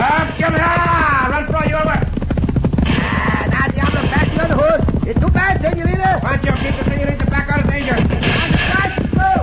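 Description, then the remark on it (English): Horse hooves gallop in a fast, steady rhythm, loud throughout, with voices calling out over the pounding beat, one urging a woman to stop her horse as bullets fly. “Senorita, stop your horse.”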